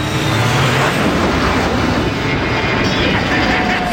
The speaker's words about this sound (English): Arrow 201. You cleared for takeoff.